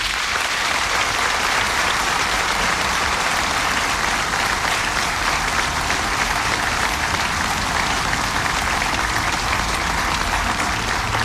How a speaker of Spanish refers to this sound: Y pido a todos ustedes, hermanos, le manifestemos nuestra gratitud con un aplauso muy nutrido.